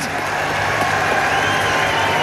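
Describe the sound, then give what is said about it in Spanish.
At a fonda, a crowd claps steadily for a couple of seconds for a woman who fell asleep at the fence by the stage, a dense, even wash of hand-claps mixed with general crowd murmur and some cheering, holding at the same level throughout. “¡Un aplauso para la señora!”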